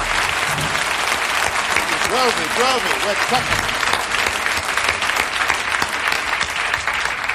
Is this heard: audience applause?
yes